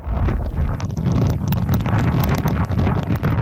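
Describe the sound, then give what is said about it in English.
Intense winds of Typhoon Naul, battering the southeastern coast of China and parts of Hong Kong with torrential rain, roar and buffet steadily, a heavy low rumble with sharp, irregular clattering bursts scattered throughout. No one speaks. “The weather system is bringing intense winds and torrential rain with it, upending trees, billboards, and disrupting traffic.”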